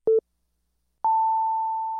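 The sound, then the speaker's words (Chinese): A brief low electronic pip, a second of silence, then a long, steady, higher-pitched beep: a radio time signal marking 14:00 on the hour, clean and loud with no voices. “现在时间14点整。”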